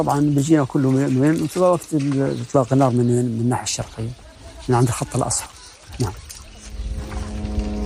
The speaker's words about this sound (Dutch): Vanuit de lucht hoor je gezoem, vermoedelijk van drones van het leger.